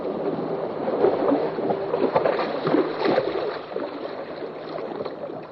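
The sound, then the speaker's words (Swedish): The sailing boat Elida moves steadily through water on a sailing trip with confirmation students, with a continuous rushing and sloshing wash against the hull, loud, with no voices. “Nu är jag ute och seglar med konfirmander.”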